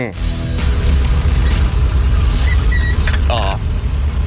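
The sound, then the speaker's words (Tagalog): Large ten-wheeler trucks rumble past in steady road traffic on Circumference Road, a loud, deep engine drone filling the whole scene, with brief high squeals and a faint voice talking underneath. “Mga tracking ni sa dagko mga teen wheeler truck.”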